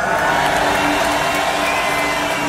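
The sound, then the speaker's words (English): A big festival crowd at Tomorrowland roars and cheers without pause, a loud, dense wash of voices with scattered whoops and some clapping, holding steady for a few seconds. “Tomorrowland, if you're feeling good, if you want to do this one more time, please make some noise.”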